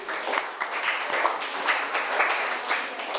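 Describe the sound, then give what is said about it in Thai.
A class of students claps together in steady, dense applause for a classmate's answer, many hands patting at once with sharp transient peaks throughout, at moderate volume with no talking. “ค่ะปรบมือให้เพื่อนหน่อยค่ะ”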